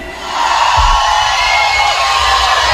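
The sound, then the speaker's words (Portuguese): A large crowd of single audience members shouts and cheers loudly in a sustained roar, a dense wall of voices and whoops for a few seconds. “Cadê o grito dos solteiros hoje aqui?”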